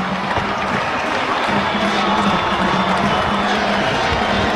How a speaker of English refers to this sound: All the fans on their feet and clapping, the lights in synchronization as they flash on and now come back to full power.